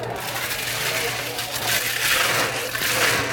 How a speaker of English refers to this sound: It's a blended drink. Okay. So we put some ice in the blender.